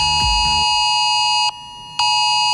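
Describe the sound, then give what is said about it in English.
A loud, harsh Australian government Oz alert emergency phone tone, played as a replay rather than the actual alert, blares steadily with a buzzing, multi-toned pitch, briefly cutting out once before resuming, with a low thump at the start. “It's a government one”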